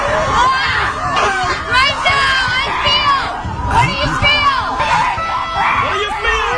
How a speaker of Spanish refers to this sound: Son retiros en la naturaleza, donde el principal objetivo es liberar tensiones a base de gritos. Ok. Sí, señor. Te tiran ahí en el bosque, te tiran ahí en el bosque a gritar. Tenemos ahí a las mujeres ahí gritando, sí, señor.